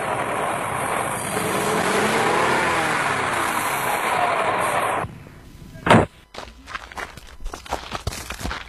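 A car drives along with a steady, loud engine and road rumble that shifts in pitch as it moves, slowing as it passes a public transport vehicle carrying schoolchildren on a narrow road toward the city of Gorontalo, then cuts off abruptly to quiet scuffling, footsteps and a single thud.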